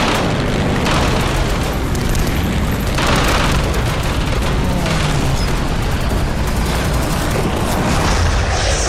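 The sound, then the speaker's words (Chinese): A Japanese enemy aircraft is shot down and falls: a loud, sustained roar of explosion and crash, dense rumbling noise with a few sharper bursts swelling through it, no voices. “队长，打住了！小鬼子的飞机掉下去了。”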